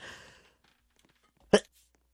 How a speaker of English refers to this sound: Sorry, I had to sneeze.